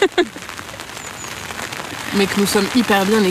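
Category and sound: nature, heavy rain falling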